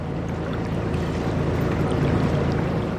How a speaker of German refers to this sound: Die Angehörigen sind in Budenheim an Bord gekommen und dann eine Stunde mit dem Boot zum Ort der Beisetzung gefahren, nach Mainz.